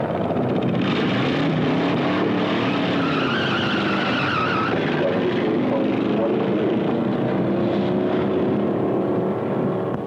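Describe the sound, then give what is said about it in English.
A car engine roars steadily at speed, its pitch rising and falling with tire noise, loud throughout, with faint voices underneath. “This is the place to test your car, see what it'll really do.”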